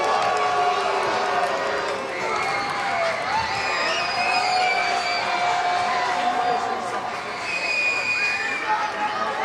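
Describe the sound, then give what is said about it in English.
A large baseball stadium crowd grumbles and jeers in displeasure at another pickoff throw to first base in the bottom of the 10th inning of a one-run game against Round Rock, a steady wash of many voices at a fairly loud, even level, with scattered shouts and whistles poking through. “And another throw over to first, and Kelnick races back to the bag. Crowd not happy.”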